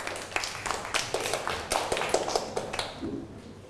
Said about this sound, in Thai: นั่งลงได้ครับปรบมือให้กับเพื่อน